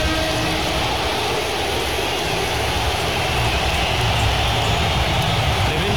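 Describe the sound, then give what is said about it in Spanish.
A Barça stadium crowd roars in a sustained ovation for the club's star summer signing, Rodrigo Hernández, as he enters the pitch, a dense, steady wall of cheering and applause that stays loud for the whole six seconds with no voices standing out. “y como tú bien decías, la ovación de la tarde, vamos a escucharla, se la ha llevado el fichaje estrella del verano del Barça, Rodrigo Hernández.”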